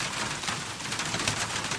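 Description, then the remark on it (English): Steady rain falls on a roof, a dense, continuous patter and hiss that stays even throughout, with no voices or other sounds breaking through. “Some enjoyed the sound of rain on the roof.”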